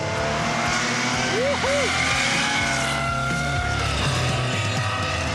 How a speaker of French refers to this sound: Une Porsche qui faisait ce bruit là, mais c'est extraordinaire. Là, t'as vraiment réussi à sublimer le son du flat 6 quoi.